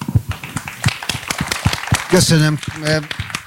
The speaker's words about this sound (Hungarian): És én most összeszedem minden bátorságomat, és kérek egy óriási tapsot annak az embernek, aki talán a legnagyobb tartóoszlopa, és mégis a háttérben van ennek az egésznek